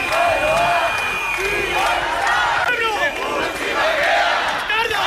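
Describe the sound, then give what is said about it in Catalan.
A large protest crowd of about 2,000 demonstrators in Bilbao shouting and chanting together against the Ertzaintza's actions at the arrival of flotilla members, a dense, loud wall of overlapping voices with rising and falling cries throughout, steady and unbroken. “I això que sentiu són 2.000 persones, segons la policia municipal de Bilbao, que es van manifestar ahir contra l'actuació de l'Ertzaintza dissabte a l'arribada dels membres de la flotilla a Bilbao.”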